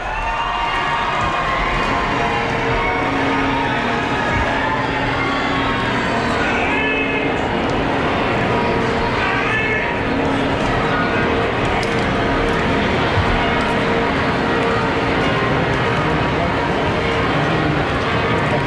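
The bells of Barcelona Cathedral peal continuously during the Pope's visit, their overlapping ringing tones layered over a loud, steady crowd murmur with occasional cheering, sustained at an even level throughout.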